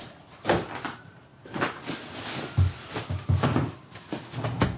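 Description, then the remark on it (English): A door opens and shuts as two people walk out, amid a series of soft knocks and thuds, with some shuffling movement and handling noise between the louder bumps. “You're both quiet as you walk out the door.”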